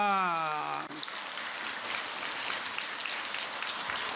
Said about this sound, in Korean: 합장한 손으로 박수를 부탁합니다.